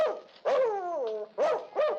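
A dog barks, three loud tonal barks with the middle one drawn out into a long, falling howl-like cry. No one speaks.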